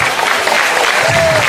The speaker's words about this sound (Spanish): Denle fuertes y aplausos y es para el Señor, hermano.